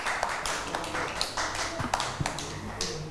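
Scattered, uneven hand claps from a small group of children, a quick patter of sharp slaps lasting a few seconds with no talking over them.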